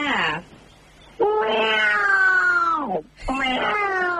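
A cat meows three times up close and loud: a short cry, then a long drawn-out wail that slides downward, then another insistent meow.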